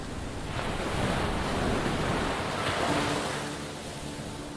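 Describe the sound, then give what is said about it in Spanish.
Large Atlantic Ocean waves crash and roar onto the north beach at Nazaré in a continuous, loud wash of surf, swelling in two broad surges with steady wind noise buffeting the microphone. No voices. “El contraste es evidente alrededor del acantilado, donde la playa del sur se mantiene relativamente tranquila, mientras la playa del norte recibe potentes olas del Océano Atlántico.”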